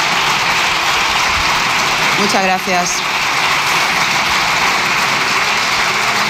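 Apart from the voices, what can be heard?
parliamentary group applauding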